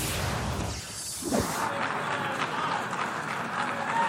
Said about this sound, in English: Israeli Prime Minister Netanyahu was met with both applause and jeers as dozens of delegates walked out before his speech to the United Nations Thursday.